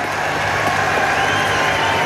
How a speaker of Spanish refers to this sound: ¡Un aplauso para la señora!